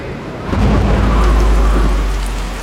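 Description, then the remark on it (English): Steady, heavy rain pours down on a camping trip with a dense hiss, joined by a deep low rumble that swells after the first half second and holds loud throughout, with no voices. “Well, looks like we're camping in the rain.”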